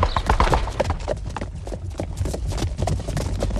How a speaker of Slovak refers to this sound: Tak, a už si vykračujeme presne tak, ako som chcela. Teda vykračujú naše kone, naši tátošíci.